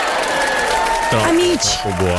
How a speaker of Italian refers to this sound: fammi scattare un applauso.